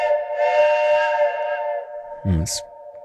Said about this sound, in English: Oh, Deb, that deserves a big truck horn.